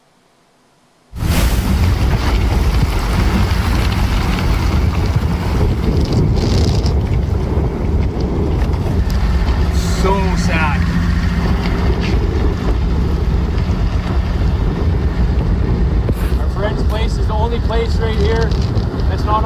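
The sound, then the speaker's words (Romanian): Strong wind gusts of about 80 km per hour roar steadily and loudly during a wildfire in southwestern Canada, buffeting the microphone almost nonstop after a brief quiet start, with faint voices surfacing briefly in the background. “Alimentat de rafalele de vânt de 80 de km pe oră, focul a avansat rapid și a cuprins pădurea și casele de pe malul unui lac.”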